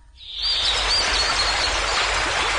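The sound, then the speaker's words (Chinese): A babbling stream of water flows steadily, a dense continuous rush that swells in after a brief quiet moment, with faint chirpy tones drifting over the top. “小溪流说话，哗哗哗哗。”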